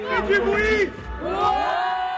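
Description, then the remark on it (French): Children from the La Couronne de l'Ours holiday centre in Orcières, in the Alps, shout and whoop excitedly together at 2 pm while awaiting the Tour stage race. Their high-pitched voices rise and fall in loud overlapping cheers that continue without a break. “14h à Orcières, les enfants du centre de vacances, la couronne de l'ours, déchaînée en attendant la course.”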